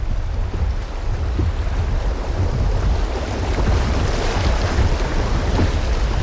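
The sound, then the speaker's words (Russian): Steady rushing water with a broad, continuous roar, fairly loud, as a raft passes the section with the steepest drop along the Dunajec River in the Pieniny, with some gusty wind noise on the microphone and no voices. “Преодолеваем участок самого высокого спада воды по всему течению Дунайца.”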